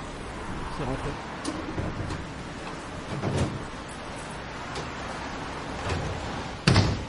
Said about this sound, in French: Le bus est là. Tiens, on charge le vélo.